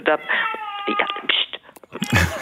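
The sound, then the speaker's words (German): A pet cat meows in a drawn-out, wavering, almost singing way during an interview, a few long cries running together, followed by a brief burst of voice at the end. “Meine Katze. Mama redet jetzt über die Oper. Ja, meine Katze singt auch ein bisschen.”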